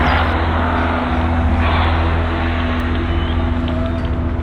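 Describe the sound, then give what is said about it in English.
Engines of 1926 Grand Prix racing cars, lined up and ready to start, roar in a loud, continuous, rough drone, with a steady low hum running beneath a harsh wash of noise. No one speaks. “Here on the finishing line, that 1926 Grand Prix sounds utterly chaotic by modern standards, doesn't it?”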